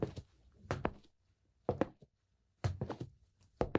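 Dishes being washed: bursts of clattering knocks and clinks as plates and utensils bump together, in irregular clusters separated by brief pauses, with no voices.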